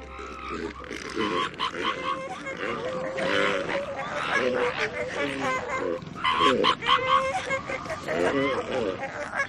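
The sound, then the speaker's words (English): A crowded chorus of loud, overlapping guttural bellows, snorts and honking grunts from a colony of elephant seals, continuous and dense throughout. “These distinctive and rather unusual sounds are all coming from a colony of elephant seals.”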